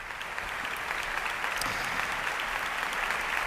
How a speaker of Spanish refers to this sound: Aplausos ahora mismo para Aquiles Machado y para el maestro Miquel Ortega, para iniciar esta gala de ópera y zarzuela desde el Teatro Monumental de Madrid.